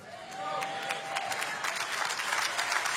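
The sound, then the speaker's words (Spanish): An audience applauds steadily, a dense wash of many hands clapping at once that holds at an even, moderately loud level throughout, with no voices rising above it. “Así lo vas a hacer, dáselo a Jesús, porque ese aplauso no aparece para Él.”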